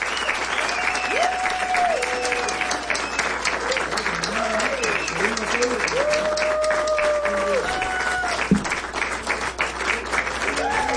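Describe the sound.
A crowd applauds a band in-studio session steadily and loudly throughout, a dense continuous patter of many hands clapping, with voices calling out and cheering over the top.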